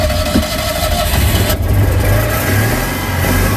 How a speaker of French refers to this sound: Je vous présente ma voiture, donc c'est une Citroën Yann 6 de 1979. Elle monte à combien ? Il faut que je fasse attention au radar parce que je suis au moins à 70. Et ça vibre à l'intérieur. Oui, on sait quand le moteur tourne.